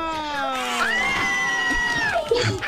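A woman on a phone call to Tropicana radio, winner of its fan giveaway, from barrio Calamarí in northern Neiva, lets out a long, loud, excited shout, her voice rising and holding high for about two seconds, with faint background noise.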